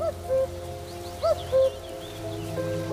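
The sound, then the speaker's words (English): A common cuckoo in reed beds calls its mellow, low two-note cu-coo a couple of times, the notes clear and moderately loud, while thin, faint chirps of other birds flicker above a steady low hum. “They share the reed beds with a bird we know well, thanks to its familiar call.”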